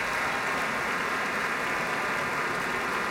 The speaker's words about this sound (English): More applause for Gabriela Montero. And now a solo bow for Gabriela Montero.